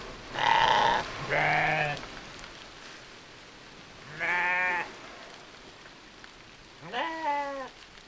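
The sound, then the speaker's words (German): Four wavering bleats from sheep and lambs, fairly loud, come in irregular bursts over a steady hiss like falling rain, with a few seconds of quiet between some calls. “An dem Schaf, da an dem Hinterlauf, da kann man an dem Lamm gut sehen, wie die Wolle das Wasser abstößt und es langsam hinten abläuft.”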